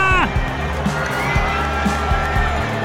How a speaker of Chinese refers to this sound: 在欢呼声中，球场上的这一支再见安打，不仅逆转了比分，也完美诠释了那句话：不到最后一局，不知道胜负。